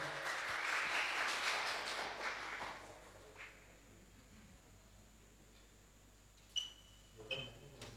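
An audience breaks into a few seconds of lively, dense clapping that gradually fades out, leaving a quiet room broken only by a couple of faint clicks.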